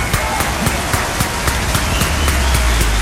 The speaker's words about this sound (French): Encore une fois, on envoie des applaudissements pour Joshua. On lui dit bravo.